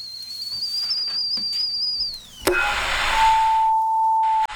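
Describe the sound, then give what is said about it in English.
A kettle whistles in a steady, shrill high tone for about two seconds, then sags in pitch and cuts off with a sharp clunk, followed by rushing hiss and a lower sustained beep-like tone. “The kettle's on.”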